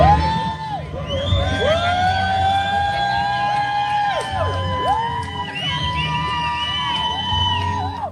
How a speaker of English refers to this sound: She made history by completing a solo row from California to Hawaii. She rode on the water 2,400 miles. That's crazy, dude. Here's people cheering for her at the finish line.